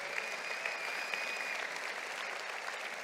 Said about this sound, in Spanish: Vamos, si tú lo crees, dale un aplauso al Señor.